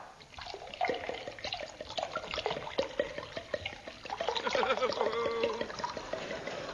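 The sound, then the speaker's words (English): A drink glugs and splashes steadily into a glass, the pitch rising slightly as it fills, with faint background murmuring voices. “Enough? Just a spot more.”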